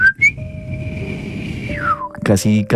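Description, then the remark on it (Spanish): A person imitates their grandfather's very soft, breathy, almost silent whistle: one sustained high tone that holds steady, then slides downward and fades, followed by a brief burst of speech. “Y siempre mi abuelito, cuando llegaba a visitarlo, que era sagrado, le silbaba haciendo esto. Era un silbido súper leve, porque mi abuelito no era chiflido así de vamos a delinquir, sino era como...”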